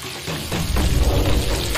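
Mushrooms, cured pork (larou) and yelaixun greens sizzle in a wok, an autumn dish from Lishui. A steady, dense crackling hiss swells slightly after the first moment and then holds even, with no voices.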